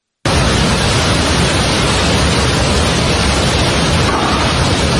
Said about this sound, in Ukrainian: Смертельний потік води, камінь і бруду пронісся через населені пункти у прикордонному районі між Непалом і Тибетом.